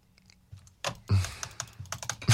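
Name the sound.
computer keyboard clicking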